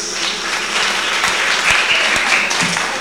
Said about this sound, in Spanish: A ver que levanten la mano los que están alegres, alegres esta noche. Aplausos, hermanos y hermanas.